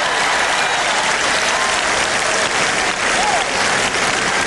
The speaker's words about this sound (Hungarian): Ha tapsoltok, akkor tényleg tapsoljatok, ne csak úgy immelemmal.